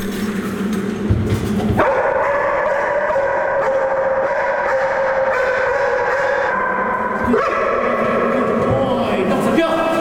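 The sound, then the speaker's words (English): A police dog wearing a camera harness barks loudly and insistently after finding a person hidden in a dark room, its rapid barks running almost continuously for about ten seconds over a dense, steady background hum. “Even though I'm in this dark room, tucked away in this little corner, the dog has managed to find me thanks to its natural abilities.”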